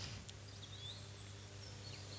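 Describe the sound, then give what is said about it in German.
Faint, scattered bird chirps and short whistles drift over a steady low hum, quiet, with no one talking, at the start of an instrumental piece from a 1981 record. “Ach, das fängt auch mit Vögeln an.”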